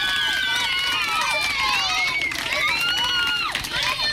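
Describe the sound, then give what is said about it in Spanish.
A crowd of fifth- and sixth-year primary schoolchildren from the Posadas Carvajal school in Huelva del Aljarafe cheers and shouts loudly on cue, high-pitched voices overlapping continuously, with applause clattering underneath for about four seconds. “Jaleo bueno y venga un aplauso fuerte.”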